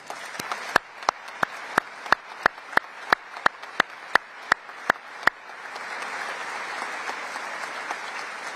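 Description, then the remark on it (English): Audience applause in tribute to the men and women of the armed forces, with loud, evenly spaced claps in a steady rhythm over a softer wash of clapping, then the sharp beats stop and a diffuse rush of applause carries on to the end. “Friends, let us all applaud them today.”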